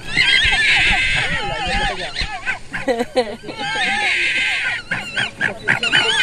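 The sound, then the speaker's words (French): Fox cubs in their den, recorded with a microphone placed inside the den, give a continuous tangle of high, wavering squeals and whines, overlapping and rising and falling in pitch, with brief gaps and sharp chirps between bursts. “Alors si on met le micro dans le terrier avec les petits, ça donne ça.”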